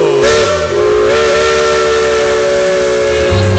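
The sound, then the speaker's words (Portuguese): A loud steam train whistle blows in one long, sustained, steady blast with breathy hiss, filling the whole moment, with a low rumble rising near the end and no voices. “Senhoras e senhores, ocupem os seus lugares e vamos percorrer os trilhos da nossa imaginação neste trem chamado Brasil.”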